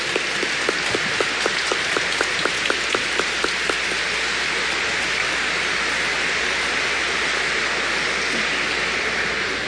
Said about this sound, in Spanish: Nuevamente el aplauso para nuestro obispo de La Vega.